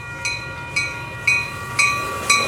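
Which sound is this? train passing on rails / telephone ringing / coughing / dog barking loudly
train passing on rails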